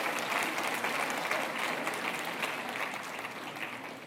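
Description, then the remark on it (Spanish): Steady audience applause fills the whole clip, a dense wash of many hands clapping at an even level without a break or any voices on top. “Ahora se aplauden, ¿verdad?”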